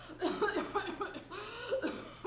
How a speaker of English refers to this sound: Well, listen to that poor woman cough.